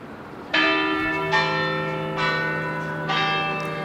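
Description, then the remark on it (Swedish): Church bells in central Copenhagen, Denmark, ring out in a steady sequence, four strong strikes with rich, lingering overtones that overlap and blend, heard alone without voices. “Kyrkklockor från centrala Köpenhamn, Rådhusplatsen skulle jag tro.”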